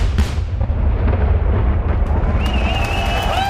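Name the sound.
fireworks exploding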